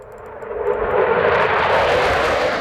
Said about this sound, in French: sur la base aérienne de Chaolé où stationnent les avions de l'Alliance Atlantique